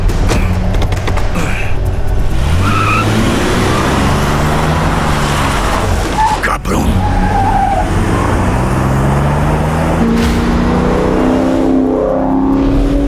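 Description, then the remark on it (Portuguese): A car engine roars and revs loudly as it peels away, tires screeching, the pitch sweeping up through gear changes before fading slightly, with no talking. “E também vou levar seu carro.”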